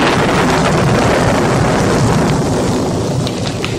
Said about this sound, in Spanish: cuando lo sorprendió una tormenta.